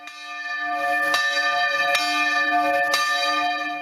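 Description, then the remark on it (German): Church bells in Maria Alm, Pinzgau, ring out loud on a Sunday, with sharp strikes arriving roughly every second and their rich, overlapping tones sustaining and blending between hits. No voices are heard. “Seit einer Woche bleibt das Glockenläuten in der Gemeinde aber aus.”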